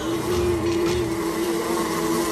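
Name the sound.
wasp buzzing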